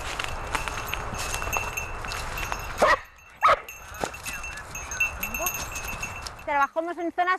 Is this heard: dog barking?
yes